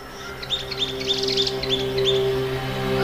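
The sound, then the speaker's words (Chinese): A pair of thick-billed parrots raising chicks call: a quick series of high, squeaky chirps in short bursts, some overlapping, over a steady low droning hum, with no voices. “这对厚嘴鹰哥正在通过辛勤的劳动为脆弱的族群增添新的成员。”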